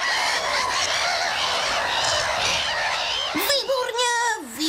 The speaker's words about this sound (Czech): Máte pravdu, jsou to rackové, ptáci, kteří žijí u moře, blízko pevniny, anebo taky i u řeky, jo?